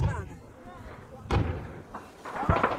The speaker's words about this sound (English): The footage shows rockets fired across the desert and explosions across the front line.